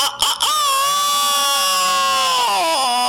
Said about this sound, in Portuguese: Vamos embora, bota ele aí no ar pra falar com a gente, que eu gosto de ouvir ouvido falando, que a gente fica animado e o galo vai e canta no puleiro.